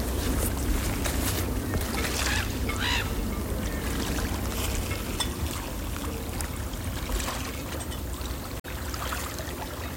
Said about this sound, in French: Ambiance mat de bateau sur golfe du Morbihan calme.